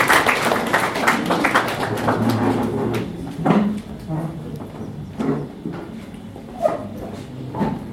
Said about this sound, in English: Please may we clap for her, she comes to do this.